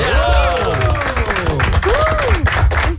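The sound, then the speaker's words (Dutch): A crowd applauds with dense, steady clapping, while voices cheer and whoop over it, their shouts rising and falling in pitch. The noise stays loud and continuous throughout. “dan valt het applaus van ons nu wel een beetje niet bij die vier minuten van afgelopen weekend.”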